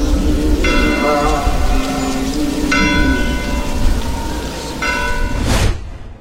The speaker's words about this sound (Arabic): ساد الصمت ولم تسمع إلا أجراس الكنائس وآيات القرآن.